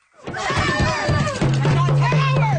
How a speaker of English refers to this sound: Protesters shouting at Nova Scotia Premier Tim Houston as they swarm his car, climbing on top of it, standing in front of it, and smashing the windshield. The event began with around 50 people peacefully demonstrating against library cuts.